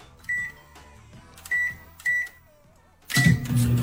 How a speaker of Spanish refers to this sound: Todo mundo reconocemos el sonido de un microondas.